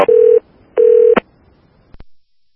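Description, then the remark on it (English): Two loud, steady electronic beeps from the keypad of a handheld thumb radio, each lasting under half a second with a short gap between, followed by a couple of faint clicks. “He's got that thumb radio.”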